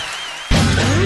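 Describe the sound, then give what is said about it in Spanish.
Audience applause bursts in suddenly after a quieter tonal moment, a loud, dense wash of clapping that holds steady to the end with no one speaking. “¡Fuerte el aplauso!”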